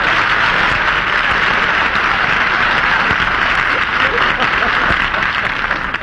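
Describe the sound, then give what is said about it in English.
A studio audience applauds Barbara Stanwyck steadily for about six seconds. A dense, loud wash of clapping holds its level throughout and eases slightly at the very end. “Barbara, wait for your applause.”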